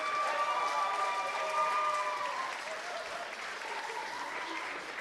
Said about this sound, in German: Das ist dein Applaus.